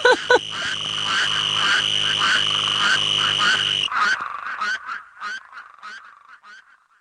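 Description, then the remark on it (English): A green toad's steady, high trill rides over a dense, loud chorus of croaking spadefoot toads, then the chorus cuts off abruptly, leaving scattered, fading croaks. “What I love about this track is that there is a little green toad who keeps interrupting all of the spade toads.”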